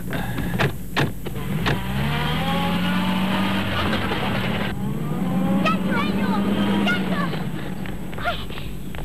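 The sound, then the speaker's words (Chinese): Loud, steady engines roar without a break, with the pitch of the revving shifting and rising, as a motorcycle and a small sedan speed along in a chase, the motorcycle pursuing the criminals' car. “骑着摩托车的夹克衫，三人一起紧追罪犯的小轿车。”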